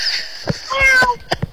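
A cat lets out a single drawn-out meow, fairly loud, followed by a few short sharp clicks or taps against a faint background hiss.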